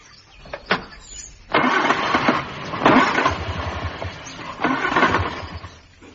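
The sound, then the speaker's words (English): A car engine cranks a few times, then catches and runs roughly, sputtering and surging unevenly as if misfiring. It's fairly loud, with no talking. “Get out of that bed and come and look at my car.”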